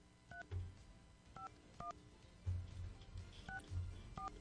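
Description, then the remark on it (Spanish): A phone number is dialed on a keypad to call a contest winner: a quick series of short two-tone beeps in uneven bursts, about six or seven presses, with low thumps and light background rumble between them. “Perfecto, ya marcamos.”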